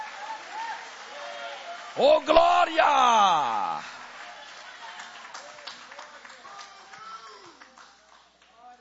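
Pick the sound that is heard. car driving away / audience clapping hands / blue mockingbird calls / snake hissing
audience clapping hands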